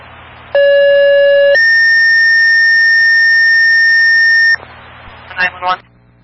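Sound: fire dispatch alert tones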